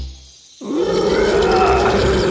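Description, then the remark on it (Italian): After a brief low rumble, a lion waking up in front of its cave lets out a loud grunting roar that swells suddenly and holds steady, rough and throaty, until the end with no one speaking. “Fu così che il leone si svegliò.”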